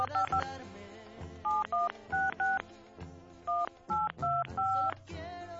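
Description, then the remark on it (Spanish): A string of about ten short touch-tone telephone dialing beeps as a call fails to connect, each a clean two-tone chirp, tapped in uneven clusters over a busy, continuous background of other sound. “Que no entra la llamada, a ver.”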